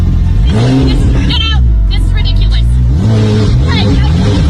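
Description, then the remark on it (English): A loud car engine revs in two surges in a residential neighborhood, pitch climbing and holding before dropping back, with a steady rumble underneath and faint background chatter. “You cannot just be driving this loud car in this neighborhood at all hours.”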